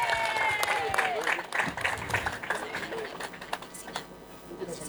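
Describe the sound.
An audience applauds, a dense, steady patter of many hands clapping together, with some voices and cheers mixed in near the start before the clapping settles into a sustained crackle.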